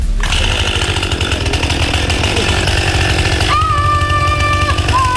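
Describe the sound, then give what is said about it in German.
A chainsaw roars loudly and steadily while felling a tree, its engine revving with a buzzing, rattling drone that shifts pitch slightly toward the end as it cuts. “Bevor die Kettensäge gestartet wird, wurde erstmal der Weg abgesperrt.”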